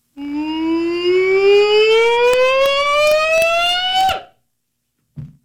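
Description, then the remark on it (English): An Arkansas hog-calling yell: one long, loud, sustained voice sliding steadily upward in pitch for about four seconds before cutting off abruptly, followed by a brief low sound after a pause. “I want to hear you call the Hogs.”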